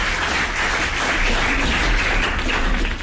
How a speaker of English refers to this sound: So now I'll take that applause, please. Thanks, guys. I appreciate it.